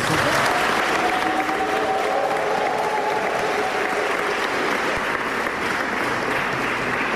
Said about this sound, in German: Das ist nämlich ganz gut, weil ganz am Ende, so wird er es sich später wünschen, sollen sie nicht klatschen, sondern die Stille genießen. Darum gut, dass dieser erste Applaus jetzt schon einmal auf die Bühne spült.